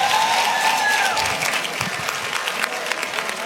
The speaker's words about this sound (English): Give the doctor a big round of applause.